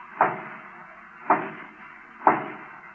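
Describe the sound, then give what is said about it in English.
Three firm knocks on a door, evenly spaced about a second apart, each a sharp thud with a short resonant decay, fairly loud against a quiet background, as a guard raps on the door of Culebra's hacienda. “Lightning hides in the shadows and watches anxiously as one of the guards suddenly raps on the door.”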